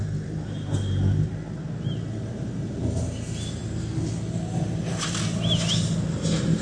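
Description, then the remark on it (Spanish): A heavy engine rumbles and drones steadily with a low, continuous growl and slight surges in intensity as a car is being pulled out amid heavy dust during a search for survivors under rubble in Cali, while faint high chirps come through in the background. “Están tratando de sacar ese carro.”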